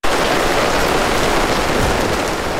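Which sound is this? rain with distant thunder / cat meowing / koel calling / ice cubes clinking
rain with distant thunder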